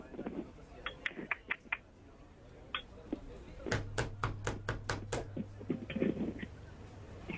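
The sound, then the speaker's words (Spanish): A series of sharp knocks on a door, a few scattered raps followed by a quick, steady run of about eight, with a low hum underneath and faint background noise. “¿Quién toca la puerta?”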